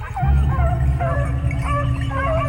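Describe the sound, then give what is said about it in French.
A pack of about a dozen pedigree beagles, bred in a garden enclosure, barking and baying together, overlapping yelps and drawn-out howls filling the scene continuously, fairly loud, over a low background rumble. “Les animaux aboient dans leur enclos”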